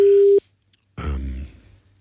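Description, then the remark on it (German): A steady, clear telephone ringback tone sounds for a short burst as a call is placed, then cuts off, followed by a pause and then a louder, buzzy, voice-like sound that fades out. “Sieht, ob sie überhaupt rangeht, ne?”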